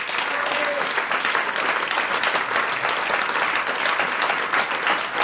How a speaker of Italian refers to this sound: ma io vorrei veramente fare ancora un applauso a tutti i musicisti di questa sera,